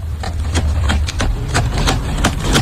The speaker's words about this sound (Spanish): Llegaron unos jabalíes y, sorprendentemente, un robot humanoide, pisadas que escuchamos en la radio, se dedicó a expulsar a los jabalíes de Varsovia.